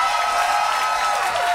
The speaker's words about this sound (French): Bravo, vous pouvez applaudir